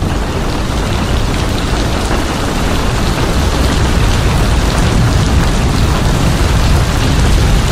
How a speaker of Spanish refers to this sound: Esa es la lluvia a esta hora de la mañana. Acá desde nuestros estudios de la Radio Carnaval.